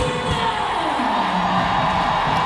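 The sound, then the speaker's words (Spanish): A stadium crowd applauds player Riley Tiernan as she comes onto the field as a substitute, producing a steady, dense wash of clapping and murmuring roar that holds at an even level throughout, with no clear voices standing out. “Se viene Tiernan también al terreno de juego y es aplaudida.”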